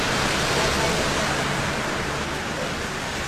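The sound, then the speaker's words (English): Heavy rain pours down in Tennant Creek around 2 p.m. in the afternoon, amid hot days, in a dense, steady hiss that fills the whole recording at a constant loudness, with no voices and no break in the downpour. “As mentioned, some beautiful rain here in Tennant Creek, coming around 2 p.m. yesterday afternoon.”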